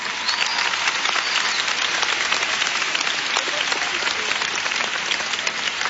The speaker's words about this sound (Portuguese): Então, palmas para Jesus.